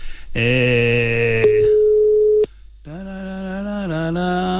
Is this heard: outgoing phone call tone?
yes